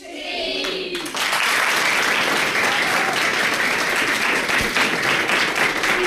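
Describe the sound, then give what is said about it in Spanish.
A group of schoolchildren seated at their classroom desks bursts into loud, dense applause after a brief moment of voices, the steady clapping holding strong for about five seconds. “¿Merece un aplauso o no?”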